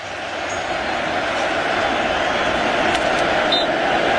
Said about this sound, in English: I mean, just listen to this crowd.